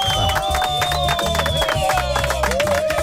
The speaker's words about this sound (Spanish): Miren, todavía andan muy flojerosos los de los aplausos. No, hombre. Esos aplausos virtuales están fallando. Sí. Mira. Ahí va.